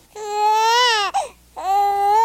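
An infant wails in two long, loud cries, the first rising and breaking off with a short hitch, then a second wail after a brief gasp, strained and high-pitched with no talking.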